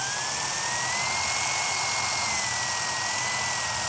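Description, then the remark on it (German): A power drill whines steadily as a wood drill bit, pressed down with force, bores a hole through material, a continuous high-pitched motor tone with grinding noise underneath, loud throughout. “Dann nehme ich mir einen Holzbohrer.”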